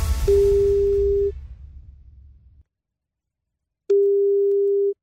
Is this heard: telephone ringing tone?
yes